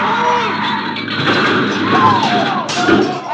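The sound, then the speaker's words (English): A truck slams into a car: a loud, sustained crunching roar of metal with a couple of high squealing whines and heavy thuds running through it, ending in a sharp burst. “A truck! Look out!”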